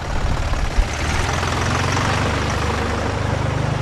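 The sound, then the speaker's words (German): A heavy tractor engine idles and chugs steadily, a low rumbling drone with a rhythmic knock. The tractor carries a piano fastened on with boards and tension straps, arriving on the promenade in Meran, with no talking. “So logisch, wenn ein Traktor an der Promenade gefahren kommt.”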